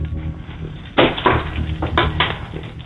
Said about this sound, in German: Und das beweist du uns einmal bitte, indem du dir einen Schlüssel schnappst und den so klimperst. Okay, ich gehe jetzt vom Wohnzimmer in den Eingangsbereich. Ich mache jetzt die Schublade auf, wo die Schlüssel drin sind und